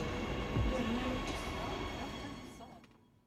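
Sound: subway train running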